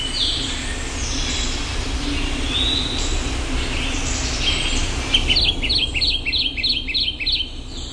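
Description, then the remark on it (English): A Kentucky Warbler sings a rapid chant of about seven repeated two-note phrases in the second half, clear, over a steady low rumble of background noise with faint chirps earlier. “Listen to one more. The Kentucky Warbler.”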